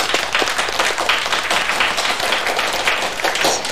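A crowd claps steadily, a dense, even wash of many hands with no break or pause, moderately loud throughout and with no voices rising above it.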